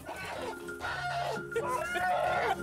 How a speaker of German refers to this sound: Warte mal. Das ist unser Hahn